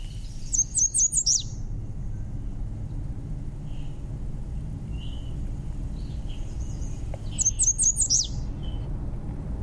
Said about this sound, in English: the American Red Start. And it is a charming little bird, and I love to try to see them. It's kind of like a game of hide and seek with the Red Starts in the park. So you definitely have to be listening for them in order to figure out where they are.